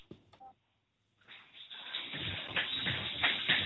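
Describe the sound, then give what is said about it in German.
A short burst of a pop song fades in after a brief near-silent pause, then plays loud and dense with a muffled, thin tone, as if heard through a small speaker. “Ich hätte wieder gerne gewusst von euch, wer singt oder was ist es für ein Lied?”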